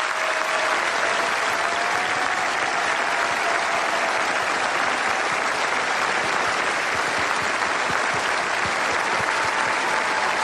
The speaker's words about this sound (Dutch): Een applaus van 700.000 mensen.